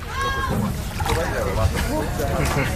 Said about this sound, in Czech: nasedáme do člunu, který nás od břehu kyperského města Limassol veze asi tak 10 kilometrů na volné moře.